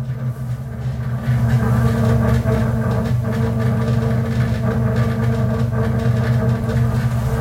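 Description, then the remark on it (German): A metro train pulls away from Warschau Stadion station in Warsaw, its motor whine and steady low rumble building and holding loud, with faint rail clatter underneath and no talking. “So, wir verlassen jetzt die Station Warschau Stadion.”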